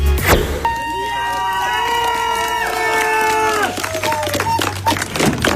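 A lively crowd cheers and shouts at the start of a fifth stage in Planica, with a loud sustained horn-like blast over the noise for a few seconds before the cheering continues on its own.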